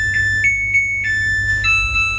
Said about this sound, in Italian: Tu mi hai fatto sentire la canzoncina della tua lavatrice. No, ti giuro, è bellissima. È bellissima, opinabile.